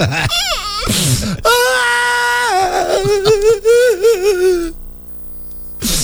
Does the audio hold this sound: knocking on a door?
no